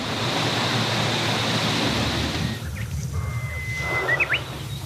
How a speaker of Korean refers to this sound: 여름이면 이 청량한 숲그늘이 그리워지는 이유. 세찬 바람이 불어와 숲을 뒤덮은 나무 이파리들을 흔든다.